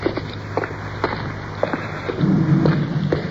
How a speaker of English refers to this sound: Car is going overhead.